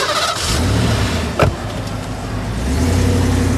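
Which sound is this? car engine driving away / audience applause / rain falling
car engine driving away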